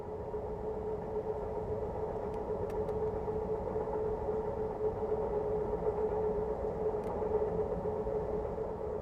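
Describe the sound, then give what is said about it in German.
The Crescent passenger train runs steadily at speed through the railway town of Spencer, North Carolina, without braking, with a continuous low rumble and rolling wheel noise, holding an even level throughout with a few brief high clicks; no one speaks. “Auf dem Weg des Crescent liegt auch die Eisenbahnerstadt Spencer, durch die der Zug allerdings ungebremst hindurchrauscht.”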